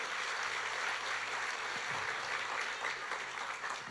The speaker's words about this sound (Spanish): Dele los aplausos a ese Señor.